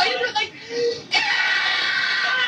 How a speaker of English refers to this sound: That's me screaming.